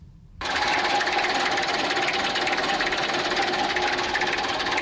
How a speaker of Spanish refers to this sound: Por cierto, que Barreiros fabricó también tractores. Y vamos a ver cómo en los vehículos agrícolas los motores tienen pues prácticamente el mismo sonido.